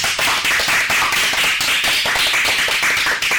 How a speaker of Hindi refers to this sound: तब तक के लिए जोरदार तालियां हो जाए।